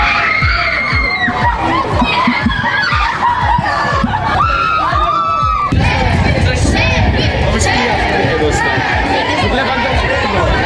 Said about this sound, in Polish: Na biało-czerwonych czekał tłum kibiców, a największe emocje wzbudził oczywiście nasz kapitan, Robert Lewandowski.